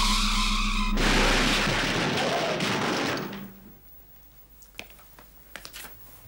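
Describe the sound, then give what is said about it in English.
A test car, driven fast by a small robot with no person inside, whines its engine with skidding tires, then a loud sustained crunching crash of about two seconds, fading into scattered clinks of settling debris. “In a crash like that, the car would be damaged, human beings would be hurt or killed, but robots would not be harmed.”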